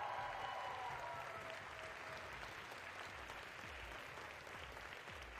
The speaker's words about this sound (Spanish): Pero además, más aún, porque justamente hoy con este programa se inician los festejos de los primeros 60 años de la Prepa. Un aplauso para la Prepa 9, por favor.